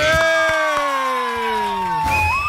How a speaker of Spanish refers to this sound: Un aplauso para los gringos que vienen.